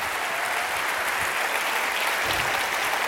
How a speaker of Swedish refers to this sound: Stor applåd för radiokorrespondenterna Mellanöstern.